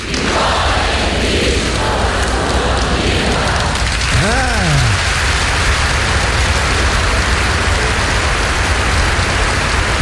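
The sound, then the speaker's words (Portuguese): A crowd in Rio de Janeiro shouts a greeting in unison to people in Brazil on a count of three one morning: a steady, loud wash of many voices throughout, with one drawn-out cry that rises and falls in pitch midway. “Eu vou contar 1, 2, 3, o pessoal aqui vai dar uma saudação para você, ok?”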